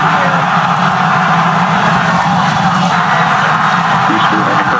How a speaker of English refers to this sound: Booster coming in hot for Booster Clutch. We're going to ignite 13 of those Raptor engines, and this view is incredible right now. We're now down to 3 Raptor engines. We can see those chopsticks now.